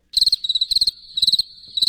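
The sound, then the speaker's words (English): Crickets chirp in quick, steady pulsing bursts, a high trilling sound repeating in clusters with brief gaps between, clear with no other sounds around. “That's the same thing I hear when we invite the mayor on this program. Crickets.”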